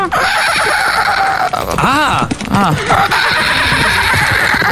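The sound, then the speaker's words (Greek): A woman imitates a horse whinny on the Greek morning show Pame Proino, a loud, wavering, rising-and-falling vocal neigh lasting a couple of seconds over a steady noisy background. “Θέλω να κάνετε χλιμήτρες με αλόγου.”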